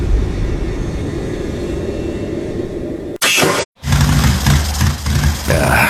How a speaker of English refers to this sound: Bike sputtering on me. That's not what you want on a cross-country trip.